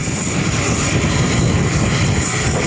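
aircraft engine

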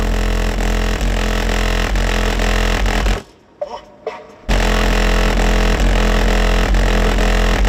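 car driving

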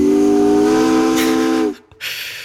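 steamship steam whistle

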